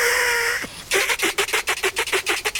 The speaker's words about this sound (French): Le putois crie et bondit sur place. Son cri est très aigu. Ça fait un peu mal aux oreilles.